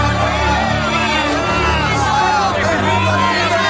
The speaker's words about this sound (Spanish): Le respondieron a gritos. ¡Libera a Barrabás! ¡Suelta a Barrabás!